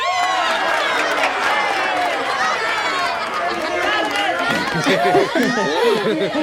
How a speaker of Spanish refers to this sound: ¡Esa es una ovación!